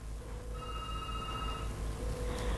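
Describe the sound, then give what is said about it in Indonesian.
A telephone rings once in a short electronic burst of about a second, then falls quiet, leaving a steady low hum in the background. No one speaks. “Ini teleponnya berdering kok, di terima teleponnya tidak bisa terhubung ya.”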